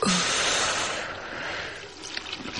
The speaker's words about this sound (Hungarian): Kinyitom a csapot, hogy apa hallja a csobogást.